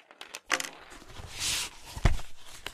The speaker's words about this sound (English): Let me move these slates and slate pencils out of the way so we can play dolls.